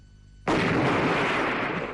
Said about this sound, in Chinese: 突然猛劈一阵枪响，只见火光冲天，爆炸声是惊天动地。